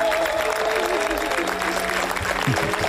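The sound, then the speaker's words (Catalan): A large audience applauds steadily at the end of a screening of a Catalan-language film at the Critics' Week of the Cannes Film Festival, a dense wash of clapping that stays loud and continuous throughout, with faint crowd murmur underneath. “I aquests aplaudiments per subratllar que a Canes triomfen aquests dies dues pel·lícules en català”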